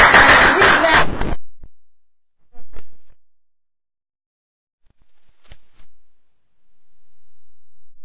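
A short burst of dense, loud audience applause at the literary program Matiné Literaria that stops abruptly after just over a second, followed by near silence with a few faint scattered clicks.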